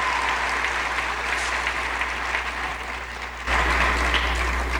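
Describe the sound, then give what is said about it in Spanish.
Steady audience applause, a dense, continuous patter of many hands clapping that swells louder partway through and holds strong until the end, with no voices standing out. “aplauso a la voz de Dios, a la voz de Dios.”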